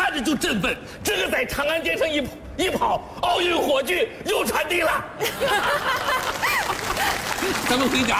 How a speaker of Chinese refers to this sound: 好，此处应该有掌声。 你们真是好人，隐藏很深的好人呐。就我们俩是好人啊，这鼓掌的这不都是好人吗？